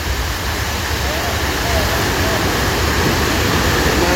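A loud, continuous roar of rushing floodwater as the Shashka river overflows its bed after a huge wave comes down from the mountain shortly after 10 p.m., minutes after a storm began. It is steady throughout, with a dense, churning hiss and no breaks.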